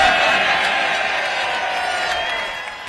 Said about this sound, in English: He got applause one time.